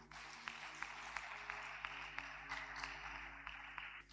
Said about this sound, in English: Clap for Jesus once more.